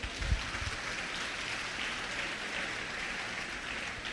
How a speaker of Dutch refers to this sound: Kom maar, laten we een applaus geven.